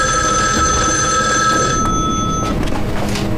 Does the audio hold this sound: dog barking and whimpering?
no